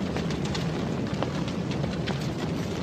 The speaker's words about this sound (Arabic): حسنا يا إبراهيم، أخبرني أين هو ربك الآن ليستنقذك من سعير هذه النار الحامية.